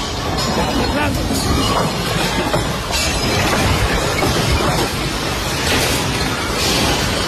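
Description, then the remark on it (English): Steel and concrete crash down from a ceiling at the Caracas airport in a loud, continuous rumbling roar, with sharp bangs and clatters breaking through every few seconds and muffled voices in the background. “The next is from the Caracas airport, where steel and concrete is heard crashing down from the ceiling.”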